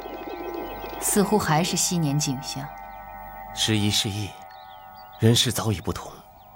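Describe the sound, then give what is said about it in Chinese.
Pigeons kept at Jingren Palace coo in three short bursts, soft throaty warbles rising and falling, over a steady humming backdrop with quiet gaps between. “皇后还似从前一样，盯着那些鸽子看吗？”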